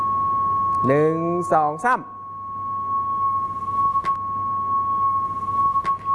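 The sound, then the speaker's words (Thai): A continuous high-pitched beep tone from a loudspeaker being moved toward the listeners in a teacher's demonstration holds almost level for about six seconds, like a censor bleep. Near the start a voice briefly counts over it, and a few faint clicks follow later. “เสียงมันสูง เหมือนมันต่ำลงนิดนึง เสียงมันสูงขึ้น คำว่าต่ำลงหรือสูงขึ้นคือเสียงมันแหลมขึ้นใช่ไหมคำว่าสูงขึ้นมันแหลมขึ้นนิดนึงใช่ไหม เสียงมันจะดูเหมือนกับว่าคือตอนนั้นมันเหมือนกับเสียงเวลาที่เขาเซ็นเซอร์คำหยาบคาย”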